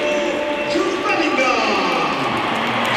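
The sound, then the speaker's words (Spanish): A stadium crowd applauds Bellingham as he comes on as a Real Madrid substitute. The applause is a steady, dense roar of clapping that runs unbroken for the whole stretch, loud and thick, with cheering voices mixed into the din. “Aplausos para Bellingham y ahora vamos a escuchar la ovación que se va a llevar Carvajal porque sale por tren Alexander Arnold.”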